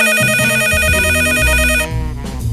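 A telephone rings as the police call a neighbour, a bright, repeating electronic trill, loud, for nearly two seconds before cutting off into a lower, muffled tonal sound. No one speaks.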